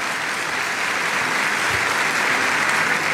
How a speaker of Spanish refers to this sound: Un aplauso también para ustedes de bienvenida, santos hermanos.